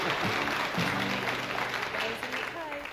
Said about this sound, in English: Don't clap her too much. You'll want more money.